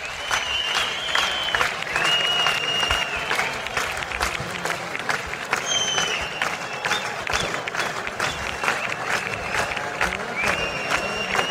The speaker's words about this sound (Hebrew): מחיאות הכפיים נמשכות